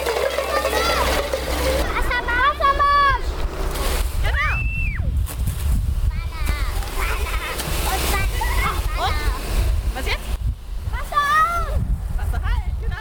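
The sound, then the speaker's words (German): Water from a second fire hose sprays in a steady, rushing hiss, continuous throughout, as preschool children turn it on during a kindergarten fire-safety lesson with the volunteer fire brigade in Weißenborn, Germany; the children's high voices call and chatter over it. “Genau, zweites Rohr Wassermarsch. Ne? Und jetzt aufdrehen.”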